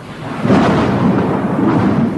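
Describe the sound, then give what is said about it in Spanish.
Low, rolling thunder rumbles steadily throughout, a loud sustained roar with swelling surges, heard on its own without any voices, as a storm seems to be coming. “¿Qué es eso? Parece que viene tormenta.”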